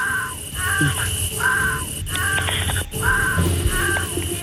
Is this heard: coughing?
no